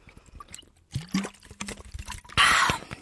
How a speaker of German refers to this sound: Moment, ich muss kurz einen Schluck trinken.